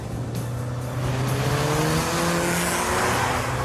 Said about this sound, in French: C'est une petite voiture, mais on a l'impression de conduire un vrai bolide avec un gros moteur.